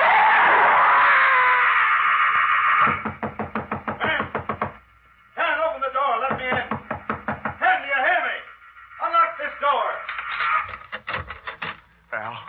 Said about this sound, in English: You got the call from your neighbors down the road. They heard you scream.